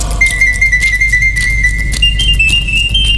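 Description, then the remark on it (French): A mechanical artificial nightingale whistles the same melody in a singing contest, a thin, steady whistle holding one high note, then stepping up to a slightly higher one, over a constant low rumble and faint metallic rattling and clicking. “L'oiseau artificiel siffla 33 fois la même mélodie sans être fatigué.”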